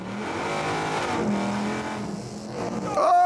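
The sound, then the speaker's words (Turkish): A 750-horsepower 2015 Toyota Camry race car, driven by a three-time world champion: its engine drones steadily, rising in pitch, before a sharp, high tire squeal cuts in near the end as the wheels spin and screech loudly. “Yak o lastikleri.”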